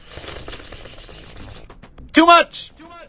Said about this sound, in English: Why am I shaking this paper around?